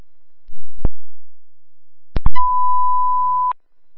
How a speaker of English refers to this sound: from one of our alarms.